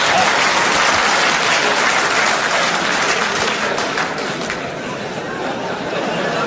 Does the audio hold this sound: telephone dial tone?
no